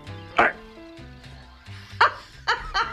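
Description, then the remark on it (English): A small pocket dog yaps four times in short, sharp bursts, one early and then three in quick succession near the end, loud over a low, steady background hum. “That's the little dog that I have here.”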